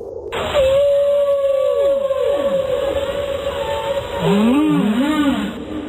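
Long, eerie song of a humpback whale, a baleen whale: a sustained mournful tone with sliding downward sweeps, then lower wavering moans near the end, loud with no one speaking.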